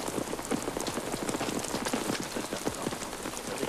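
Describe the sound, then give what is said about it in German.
Steady rain patters down outdoors, with dense, irregular drops striking a surface. It's a continuous, moderately loud hiss with no voices. “Tut mir leid, dass es regnet, aber drinnen ist es nicht hell genug.”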